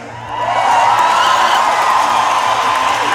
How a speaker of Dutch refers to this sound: Ja, dik applaus voor